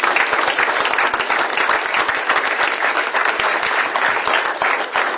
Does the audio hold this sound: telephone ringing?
no